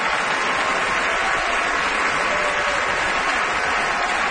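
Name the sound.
opera audience applause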